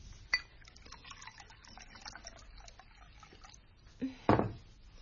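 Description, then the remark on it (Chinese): Tea trickles and splashes steadily into a cup, with a sharp clink at the start and a louder burst of pouring and clinking near the end. No one speaks. “请用茶啦。”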